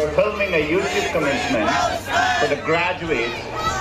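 A crowd of students at a graduation ceremony shouts in protest during a speech by Google CEO Sundar Pichai, some shouting in favor of Palestine; many raised voices overlap into a loud, continuous clamor with rising and falling yells and no pause across the whole stretch.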